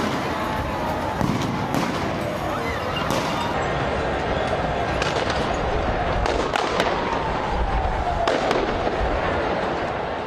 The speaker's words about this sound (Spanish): En los alrededores del obelisco, aficionados se enfrentaron con la policía, que respondió con balas de goma y gas lacrimógeno para dispersar a la multitud.